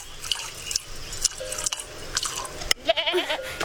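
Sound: nanny goat bleating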